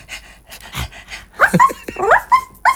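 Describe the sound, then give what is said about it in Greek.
A person imitates a dog, first with quick breathy panting, then a handful of short, high yelping barks in an uneven burst, fairly loud with no other talk. “Άκου πώς γαβγίζει.”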